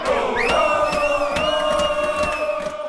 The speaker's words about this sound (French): Voilà, des cris de joie, des applaudissements. Cette finale de Ligue des Champions qui a provoqué donc des scènes de liesse à Paris.